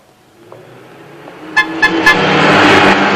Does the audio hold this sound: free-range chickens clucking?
no